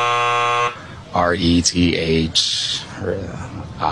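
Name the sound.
game show buzzer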